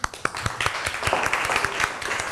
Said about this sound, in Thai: กลุ่มที่1ออกมาด้านหน้าได้เลยนะครับเดี๋ยวปรบมือให้กำลังใจกลุ่มที่1หน่อยครับ